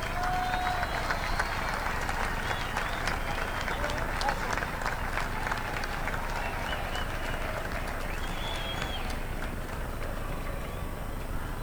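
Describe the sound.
A crowd applauds steadily for the whole stretch, dense overlapping claps at an even loudness, with a couple of short whistles and murmuring voices mixed in.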